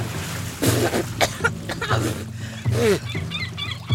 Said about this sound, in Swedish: Plötsligt är jag i havet. Plötsligt är det vatten överallt. I ögonen, i öronen, i näsan, i munnen. Jag hostar och frustar.